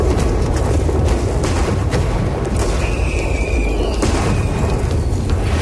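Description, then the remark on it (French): A sustained barrage of lit gunpowder barrels exploding on boats sent by Montcalm toward the English, the badly calibrated fuses setting them off too early: deep booms rolling into one another with sharp cracks scattered throughout and a brief whistling tone partway through. Loud and continuous, with no voices. “Et tout d'abord, Montcalm va commencer par envoyer des barques pleines de tonneaux de poudre allumés aux Anglais, mais les mèches vont être mal calibrées et tout va péter beaucoup trop tôt.”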